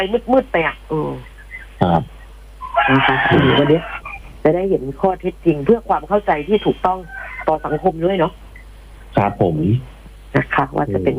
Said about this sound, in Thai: เข้าใจว่าสายมาแล้วค่ะได้ยินเสียง ได้ยินเสียงไก่ขันแล้วครับมารับสายเลยฮะ เพราะว่าคงไม่มีไก่ขนาดนี้เดี๋ยวไปรับสายกัน